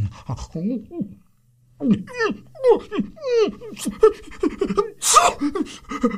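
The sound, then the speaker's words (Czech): A voice imitates a sick dog, with a run of wheezy, whining pants and gasps followed by a sharp, hissing sneeze near the end, fairly loud. “I pro pána, co se to s tebou, pejsku, děje? Vždyť ty jsi nějaký nemocný.”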